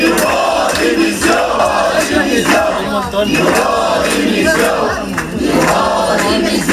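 About a hundred protesting teachers who have entered the Serveis Territorials d'Educació buildings in Barcelona, Catalonia, shout and chant together demanding the resignation of education councillor Esther Niubó, a loud, dense roar of many voices rising and falling in rhythmic bursts without pause.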